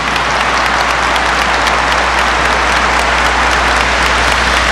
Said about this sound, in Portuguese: Palmas para a palavra de Deus.